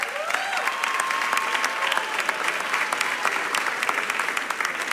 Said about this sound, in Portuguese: Uma salva de palmas